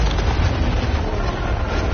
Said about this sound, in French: La corniche sur laquelle on était il y a 40 minutes s'effondre.